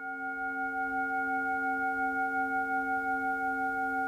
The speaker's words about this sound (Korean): 혹여 울림이 흐트러질까, 누군가 명상에서 깨어날까 염려하며 온 정성을 다해 싱잉볼을 울리는데요.